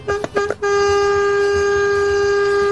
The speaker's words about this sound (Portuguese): Esse povo quer matar os outros é de susto na estrada, não é possível. Essa buzina aí, você vê 4, 5 segundos buzinando, imagina alguém que tá passando na frente ali. Rapaz, toma um susto danado, brinca assim não.